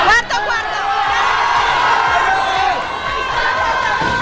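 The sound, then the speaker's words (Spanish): A large festival crowd roars and cheers continuously as the Cipotegato leaves Tarazona Town Hall under a rain of thousands of tomatoes, a dense wall of shouting voices and whoops with rising and falling excited cries throughout, loud and unbroken for several seconds. “Es la salida del cipote gato desde el Ayuntamiento de Tarazona bajo la lluvia de miles de tomates.”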